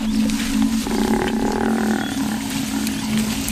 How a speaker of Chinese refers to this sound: 非洲水牛呼唤同伴的叫声打破了清晨的宁静。斑鬣狗听到了非洲水牛的求救声，他们推断有狮子抓到了非洲水牛，可是在哪儿呢？